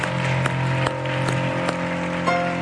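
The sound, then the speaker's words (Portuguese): A church audience claps for the Lord at the end of a service in a steady, dense wash of applause with a few sharper accents, while sustained keyboard tones hum underneath. No one speaks. “Você gostaria de dar um aplauso ao Senhor?”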